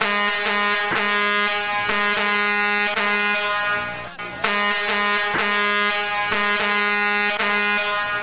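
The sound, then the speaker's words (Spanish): Truck air horns blare over and over in loud, rhythmic blasts, nearly continuous with brief gaps between honks, as a convoy of trucks passes early in the morning, with no voices present. “Pues saludos para los camiones que pasaron tempranito tocando y tocando y tocando el claxon.”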